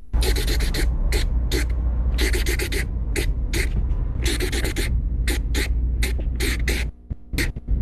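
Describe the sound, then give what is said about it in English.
A marker scratches across paper in quick, rhythmic bursts of squeaky strokes, grouped in patterns that tap out the beat of a song for a guessing game, over a steady low hum. “So he's scratching and on paper song, with a marker.”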